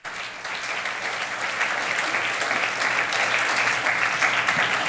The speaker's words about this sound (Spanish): ¿Quién tiene una alabanza al nombre del Señor? Un aplauso a Jesucristo.